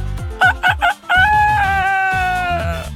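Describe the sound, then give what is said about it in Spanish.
A person imitates a rooster, starting with a few short clipped calls and then stretching into a long, loud, wavering cock-a-doodle-doo crow, alone. “El de gallo, mi efecto de gallo.”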